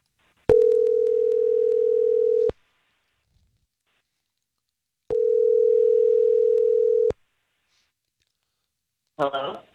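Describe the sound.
A telephone tone on the line as a radio morning show on Star 101.3 places a call: two steady, loud two-second hums separated by a silent pause, then a voice briefly starts speaking at the very end.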